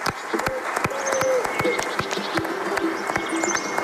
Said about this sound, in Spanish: Yo creo que esto hay que darle un gran aplauso, porque hasta hace poco no podía ser.